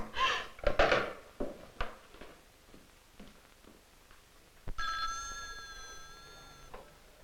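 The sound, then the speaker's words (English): A few sharp clunks and clatters, then a telephone bell rings once, a bright, steady ring lasting about two seconds before cutting off. No one speaks. “Would you take this call, please”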